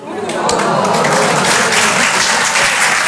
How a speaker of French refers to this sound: Et ouais. Je sais pas pourquoi, à chaque fois que j'en parle, les gens m'applaudissent.